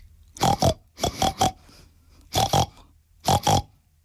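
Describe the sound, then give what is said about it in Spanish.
A voice imitates a pig, making four quick clusters of two or three nasal oinks and grunts, fairly loud, with short pauses between clusters and no other talking. “Un cerdo, que solo hablaba cerdés. Y el cerdo, en cerdés, dijo así.”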